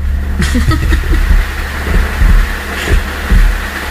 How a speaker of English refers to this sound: Really, was it coming down all that hard? Not for that kind of thunder, no. It's like that thunder's going to roll right into the house.